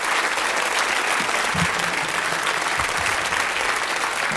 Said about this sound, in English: Giving you a round of applause.